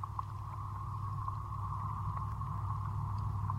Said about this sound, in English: You can also hear traffic going by.